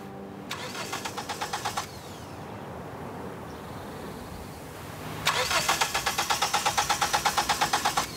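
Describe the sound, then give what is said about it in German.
A car engine cranks with a rapid, rhythmic grinding that fails to catch, stops, then cranks again for several seconds, fairly loud, with no voices, as a car having problems shortly before a race is checked for the fault. “Doch kurz vor dem Rennen macht ihr Auto Probleme.”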